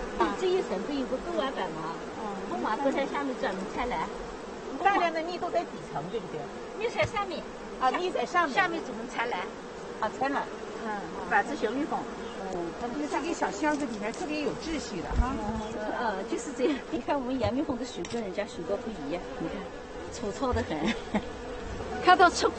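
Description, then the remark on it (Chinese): A steady, dense drone of wild honeybees buzzing around a box hive as they fly out, continuous for the whole stretch, with people's voices talking intermittently over the swarm. “你看那蚂蚁展翅， 飞出来了，展翅飞出来了。”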